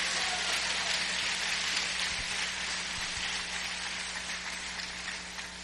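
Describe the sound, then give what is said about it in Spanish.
An audience at a church service (Iglesia Monte de Sión, Tabernáculo de Adoración Central) applauding steadily, a dense, crackling wash of many clapping hands that holds strong for several seconds and eases off slightly toward the end, with no voices over it. “Señores, ese aplauso, déselo fuerte.”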